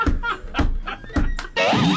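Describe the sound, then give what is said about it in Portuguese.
A door thuds shut with a few dull, heavy knocks in quick succession, followed by a burst of vocal sound at the end. “Bah, tem que arrumar essa porta.”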